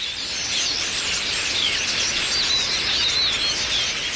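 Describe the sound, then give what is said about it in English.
A dense chorus of many birds chirping and twittering at once as they gather to roost in a cluster of trees near Yingling Aviation, north of the Wichita Airport Control Tower, around 8:30 p.m. under a clear sky; a continuous high-pitched chatter that stays steady and fairly loud throughout, with no talking. “But one by one, and then dozen by dozen, the birds start arriving from all directions.”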